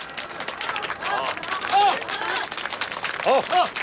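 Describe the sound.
A crowd of villagers in Liujiawan claps in dense, steady applause for a few seconds, welcoming a candidate to give his election campaign speech, with scattered voices and a few cheering shouts rising above it.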